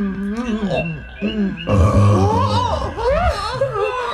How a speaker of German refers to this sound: Nun hat er seinen kleinen Rülpser gemacht, ne? Och, macht ja nichts. Was raus muss, muss raus, sag ich immer.